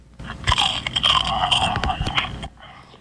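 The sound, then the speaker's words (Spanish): Loud, crunchy chewing of a cookie, a dense run of crackling bites and scraping crunches lasting about two seconds before stopping abruptly, with no talking. “A los 5 monstruos ruidosos les dio la premonición que a uno de entre sus filas le había dado por una galleta mascar.”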